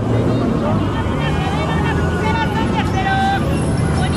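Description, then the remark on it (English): Busy Mexico City street ambience with traffic and street vendors: a steady, loud wash of traffic rumble with crowd chatter and scattered calls from many voices, continuous throughout. “Mexico City is already chaotic on a normal day. Lots of traffic, street vendors, the metro is crowded, and somebody somewhere is almost always protesting.”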